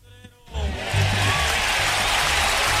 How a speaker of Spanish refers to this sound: Gracias. Un aplauso.